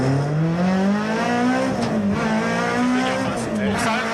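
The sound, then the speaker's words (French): A race car engine screams at about 8,000 rpm for about four seconds, a loud, steady harmonic roar whose pitch climbs, dips slightly, then surges again as the throttle is worked. “Quel bonheur de l'entendre à 8000, ce 8008, ce moteur.”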